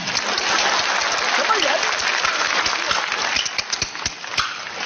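An audience bursts into sustained applause, a dense wash of many hands clapping for about five seconds, with a few sharper individual claps standing out as it thins near the end.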